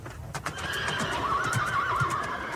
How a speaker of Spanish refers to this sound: Cogió un grano de arroz y se lo dio al rey, que le dio las gracias y se fue enseguida, llevado por unos caballos sorprendentemente rápidos.